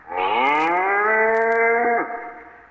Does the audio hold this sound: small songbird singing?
no